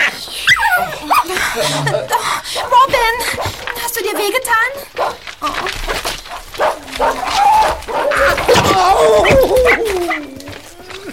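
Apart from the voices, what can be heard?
dog barking and yipping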